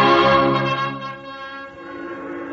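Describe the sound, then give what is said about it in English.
Bells of the Baptist, Congregationalist and Roman Catholic churches ring out loudly together in celebration, a dense wash of overlapping tolls with long shimmering resonance that keeps sounding without pause, with no voices present. “The bells of the Baptist, the Congregationalist, and the Roman Catholic Church were ringing.”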